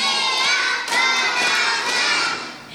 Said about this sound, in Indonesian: Tepuk satu. Tepuk dua. Tepuk tiga. Tepuk empat. Tepuk lima.